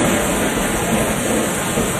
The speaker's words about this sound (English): This storm even sounds dangerous.